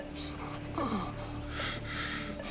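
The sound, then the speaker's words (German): Strained, labored breathing of a sick patient, with a sharp gasp followed by several rasping, wheezy inhales and exhales, fairly loud over a steady low electrical hum. “Ganz ruhig atmen.”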